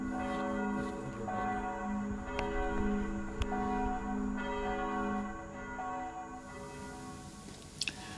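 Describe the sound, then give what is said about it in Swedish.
The church bells of Floby church in Sweden ring steadily, their rich overlapping tones sustaining and blending into a continuous resonant wash, with a few sharper clangs cutting through near the end. “kyrkklockor från Floby kyrka.”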